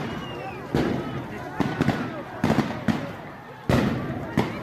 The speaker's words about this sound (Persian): این تصویر شلیک یک مامور به پای یک معترض از فاصله نزدیک است.